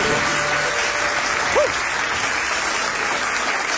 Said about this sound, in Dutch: En ik laat het applaus even lekker lang doorklinken.